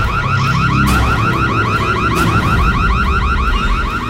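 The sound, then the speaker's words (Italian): A loud electronic alarm whoops continuously in rapid, repeating rising sweeps, steady throughout, with a low rumble underneath and no voices. “Dannazione, allarme!”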